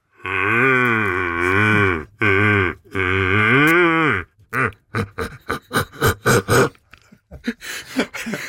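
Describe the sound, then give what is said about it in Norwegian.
A person imitates a red deer stag's roar with a hand held in front of the mouth: three long, deep, bellowing calls with wavering pitch, followed by a string of short, grunting bursts in quick rhythm, loud throughout. “la oss få høre lyden av hjort”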